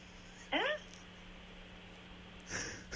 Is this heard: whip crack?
no